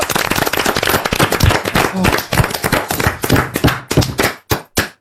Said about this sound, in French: On vous applaudit et on vous embrasse. Ouais, bravo.